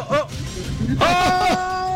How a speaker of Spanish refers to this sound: Apareció. Se metió. Bandita, bandita. Buen día, gatico. Miau.